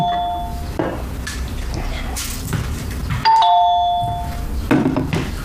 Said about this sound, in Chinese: 哎，有人按门铃不 吭声。哪有人啊？我怎么没有听见啊？